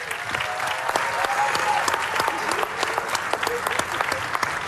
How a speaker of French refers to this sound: que vous pouvez applaudir bien fort aussi, évidemment.